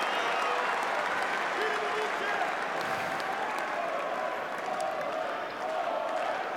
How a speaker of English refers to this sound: The red T-shirts are up. They're clapping, they're cheering, they're appreciating that this might just be a turning point.